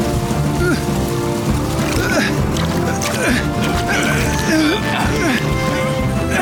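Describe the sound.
A rescue boat with two firefighters aboard sets off and churns steadily through the water to rescue a man struggling to stay afloat, a continuous rushing, splashing wash, with voices and a layered background running over it throughout.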